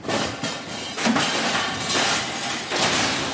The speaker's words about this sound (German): Ich habe Metallschrott dabei. Wir gucken mal, ob das alles passt. Mülleimer aus Metall. Da ist noch wieder Deckel von der Pfanne, oder? Genau. Ja. Gut, es passt in hohem Bogen rein. Achtung.